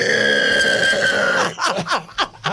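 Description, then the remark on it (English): A person imitates a pig squeal: a loud, sustained high-pitched squeal for about a second and a half, breaking into several short, choppy grunting squeaks. “Do a pig squeal.”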